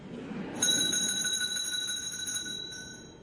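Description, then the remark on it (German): A bright bell starts ringing and keeps sustaining, its shimmering metallic tones holding steady over a low muffled background rumble, clear. “Es läutet.”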